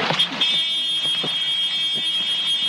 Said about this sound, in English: You will hear a horn. That is the warning for low main rotor RPM. You can also hear the sound of the helicopter change dramatically.